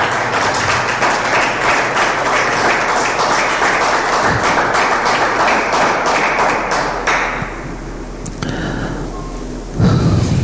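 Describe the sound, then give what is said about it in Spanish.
A crowd applauds, a dense, steady wash of clapping that holds for several seconds before thinning out and fading, with a low thump near the end. “Se merece un aplauso.”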